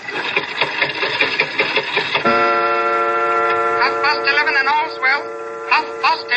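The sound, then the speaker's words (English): An antique clock made by John Carver of London in 1752 whirs with a rapid, even clatter for about two seconds after its glass face is opened and its hand pushed forward, then gives way to a tinny, warbling recorded voice from the clock whose pitch wavers and slides, fairly loud. “What was that voice? Only the clock, madam. Nothing more. The clock spoke.”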